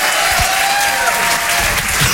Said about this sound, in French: C'était Guillaume Santou sur Rire et Chanson, on peut l'applaudir très très fort, bravo Guillaume.